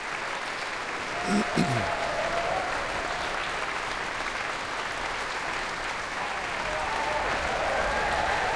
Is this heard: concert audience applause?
yes